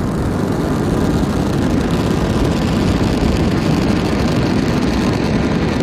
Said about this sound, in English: Ignition and liftoff. Go Falcon, go CRS. And liftoff. NASA's SpaceX's 35th commercial resupply services mission is on its way to the International Space Station.